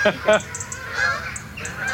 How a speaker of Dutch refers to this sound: Het zijn allemaal Canadese ganzen. Ja. Ik denk niet dat het echt trek is, dit. Ze vliegen heel laag, hè? Ze vliegen heel laag en ze zitten hier ook in de buurt vaak te fourageren.